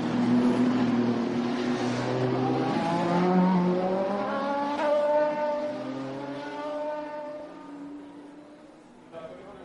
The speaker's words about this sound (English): Just enjoy the sound of the cars as they are going through.